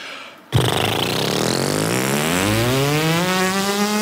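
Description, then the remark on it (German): Lips buzz a loud, raspy tone as a brass practice exercise before using a mouthpiece, starting abruptly after a short pause and holding steadily for several seconds, its pitch slowly gliding upward like a revving engine, with no talking. “Und wenn ihr euch daran gewöhnt habt, dann könnt ihr mal versuchen, mit den Lippen einen Ton zu erzeugen.”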